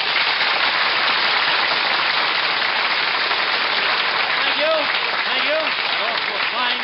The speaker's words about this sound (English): Thank you and good evening. Did you listen to that applause, Mr. Gallup? In a little while, you'll wish you could take it back, you know.